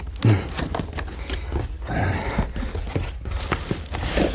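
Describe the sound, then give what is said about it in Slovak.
Packaging being unwrapped from a Telefunken radio receiver: irregular bursts of crinkling and tearing paper, fairly loud and continuous over several seconds, with sharp crackles and soft rustles and no voices. “Pomôž mi odbalovať.”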